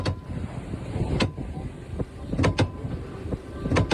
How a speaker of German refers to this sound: So klingt das, wenn der Orca gegen die Steuersäule rammt. Die hörten sich auch nicht so gesund an.